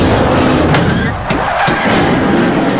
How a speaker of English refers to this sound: One car ricochets across another's bonnet. Oh, man! More cars collide, shedding debris, causing a huge multiple pileup.